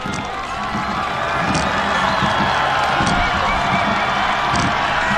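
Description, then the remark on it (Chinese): A huge, deafening home crowd in the grandstand near the finish of a rowing race roars and cheers without pause, a dense wall of noise that swells slightly at the start and then holds steady and loud throughout. “接近终点看台了，能听到现场主场的观众震耳欲聋的欢呼声。”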